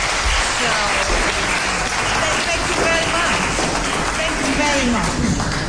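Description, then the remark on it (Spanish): A crowd applauds Nobel Peace Prize winner Navi Pillay steadily for several seconds, a dense, even wash of clapping at constant loudness, with a voice faintly audible beneath it. “Si usted aplaude, si siguen aplaudiendo, voy a compartir este premio con Donald Trump.”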